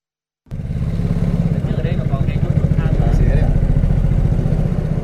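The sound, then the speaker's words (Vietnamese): A motorboat engine runs steadily and loud from the start as the boat heads out onto the Hòa Bình hydropower reservoir to fish-farming rafts in Phú Thọ province. Its low rhythmic throbbing chugs without pause, with a voice speaking faintly over the engine noise. “Mất vài phút đi xuồng máy ra khu vực lòng hồ thủy điện Hòa Bình, chúng tôi đến bè nuôi thủy sản của gia đình anh”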